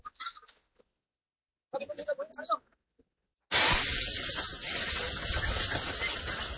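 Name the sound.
rushing floodwater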